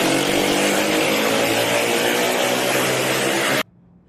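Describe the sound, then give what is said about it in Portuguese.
A loud motorcycle exhaust roars continuously with a harsh, gritty drone for about three and a half seconds, from one of the motorcycles being pursued by police, then cuts off abruptly into near silence. “Nas imagens é possível ouvir o barulho do escapamento de uma das motocicletas.”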